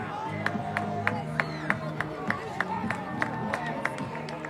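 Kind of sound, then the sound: crowd, clapping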